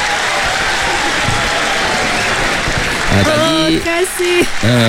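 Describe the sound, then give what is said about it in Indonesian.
A crowd applauds loudly with dense, steady clapping for several seconds, then raised voices and cheering rise over the clapping near the end. “Bagi tepukan.”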